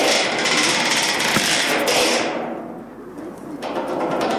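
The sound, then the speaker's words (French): A boat engine runs steadily with a broad, hissy roar over a low rumble; midway the sound turns muffled and dull for a moment before the full brightness returns. No one speaks. “Là, on voit le bruit du bateau, comment il se casse.”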